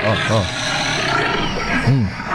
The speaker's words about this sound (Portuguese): Põe de novo aí, gostei da onça.